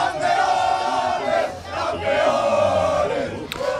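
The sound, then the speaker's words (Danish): A large crowd in Mataró, Spain, hometown of football star Lamine Yamal, cheers and roars celebrating Spain's World Cup win over Argentina, a dense, sustained wall of voices that swells in waves, with shouts rising above the din and a brief sharp whistle near the end. “Og så kunne jublen bryde ud i den spanske fodboldstjerne Lamine Yamals hjemby Mataró.”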